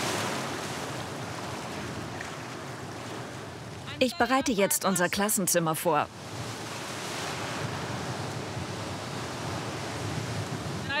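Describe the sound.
Steady roar of surf washing onto the Baltic Sea beach at Ristinge, about 10 kilometres long, broad and rushing throughout, with wind buffeting the microphone. A woman speaks briefly over the waves in the middle.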